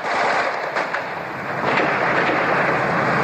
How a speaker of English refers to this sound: As I speak, the gun turret of the Soviet combat tank is sweeping backwards and forwards above my head. You can probably hear the crack of automatic weapons fire from the armored vehicles.